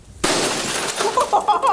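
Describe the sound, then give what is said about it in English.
Glass is smashed in a rage room with a sudden loud crash, followed by a spray of bright tinkling shards scattering and clinking for about a second afterward. “That was glass.”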